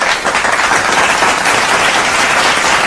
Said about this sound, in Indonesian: Tepuk tangan.